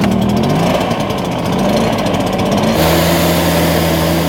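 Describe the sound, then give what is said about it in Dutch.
A leaf blower drones loudly and steadily throughout, with a rough, buzzing texture and a slight shift in pitch partway through, used by residents of Elim to blow beetles out of a garden. No voices. “De bladblazer, die is de tuin schoonblazen omdat er allemaal kevers zitten.”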